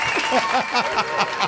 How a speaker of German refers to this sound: der Applaus hört heute gar nicht mehr auf für dich.